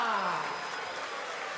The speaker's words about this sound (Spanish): ¡Fuerte el aplauso